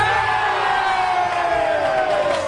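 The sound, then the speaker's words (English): A huge arena crowd at Game 3 of the NBA championship boos loudly and steadily as President Trump takes a seat in the New York Knicks owner's booth, a dense roar of many voices holding long, low, sliding tones without letting up. “Some fans blame the loss on a spectator, President Trump, who claims to be a Knicks fan despite a chorus of energetic booing when he took a seat in the owner's booth.”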